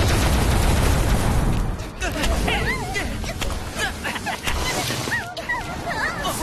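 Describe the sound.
A loud, rapid-fire barrage of balloon-bee launches fired in succession: a dense rush of noise, then a quick string of sharp pops and whooshes, with squealing, excited voices rising over the volley.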